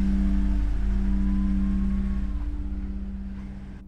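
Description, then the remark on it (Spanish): A car engine hums steadily and loudly at first, then recedes, growing fainter as the car drives off carrying a load of people. No voices are heard. “El auto parte llevando su cargamento de personas.”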